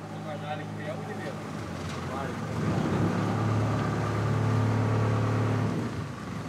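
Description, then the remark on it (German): A boat engine drones steadily, its low hum swelling a little louder midway and holding there, with a faint wash of water and wind behind it, as the boat heads out of the channel between Poros and the Peloponnese into the open bay. “Es geht raus aus dem Kanal zwischen Poros und dem Peloponnes. Hinein in die offene Bucht.”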